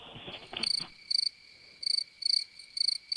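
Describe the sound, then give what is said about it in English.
Crickets chirp in short, repeated bursts, a steady high trilling pulse about twice a second over a faint constant hum, with no one talking. “Yeah, crickets.”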